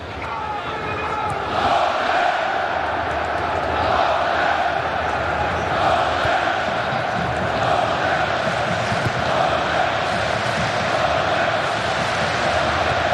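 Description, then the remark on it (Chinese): A large stadium crowd of Norway football fans performs the Viking war chant in unison, a loud, steady roar with faint rhythmic swells running through the noise for the whole stretch. “现在可以听到现场挪威队的球迷整齐划一地进行维京战吼。”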